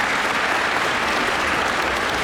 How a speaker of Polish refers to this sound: Wielkie brawa dla naszych mistrzów.